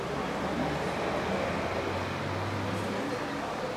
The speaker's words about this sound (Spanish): Y el ventilador, el aire.